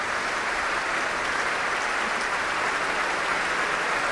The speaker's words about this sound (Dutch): En een heel groot applaus hier in Amsterdam in het Concertgebouw op 15 mei. Voor Sol Gabetta. En deze prachtige uitvoering van dat eerste celloconcert van Martinů. Staande ovatie hier.